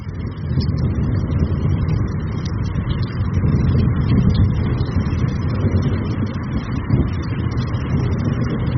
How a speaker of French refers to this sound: On peut écouter le son de la première pluie de l'année et de l'orage à Ouidou.